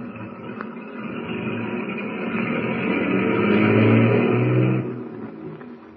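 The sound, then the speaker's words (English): A motorcade of heavy tank trucks rumbles as it drives off on its way to the Bear River Refinery, a steady low engine roar that swells louder for a few seconds and then drops away. No voices are heard. “Tumbleweed's motorcade of tank trucks continues on its way to the Bear River Refinery”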